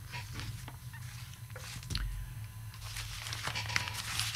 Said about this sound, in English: Yes, and there's always a what's on in the paper. I'll just have a quick look and see if I can find the page.